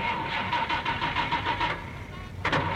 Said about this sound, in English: Today I will show you the correct way to drive. Now first we turn on the engine.